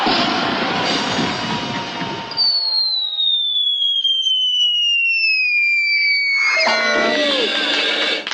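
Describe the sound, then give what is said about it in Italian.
A loud blast launches a human cannonball, a woman shot across the sky of Bellinzona after a countdown, with a long, steadily falling whistle as she flies through the air for several seconds, ending in a noisy, clattering crash as she lands on an enormous cushion. “Dopo aver attraversato come una meteora il cielo della capitale, la donna cannone è atterrata come previsto sull'enorme cuscino.”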